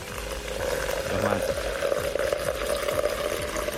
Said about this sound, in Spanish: Yo voy a poner el agua para...